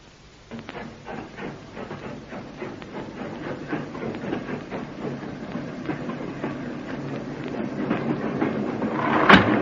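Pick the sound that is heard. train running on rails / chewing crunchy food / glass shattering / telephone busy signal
train running on rails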